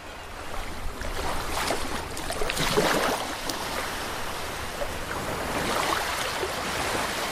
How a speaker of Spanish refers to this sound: Suena al mar